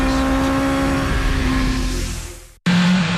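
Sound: car engine revving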